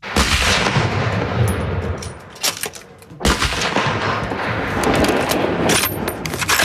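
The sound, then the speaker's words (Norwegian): Hunting rifles fire one after another at the Kråkenesmarka shooting range outside Førde, Norway, as people sight in their weapons before the hunting season opens: loud sharp cracks, each followed by a rumbling echo, with a steady background hiss between them and no voices. “På Kråkenesmarka skytebane utenfor Førde er det mange på standplass for å skyte inn våpna sine før sesongåpning.”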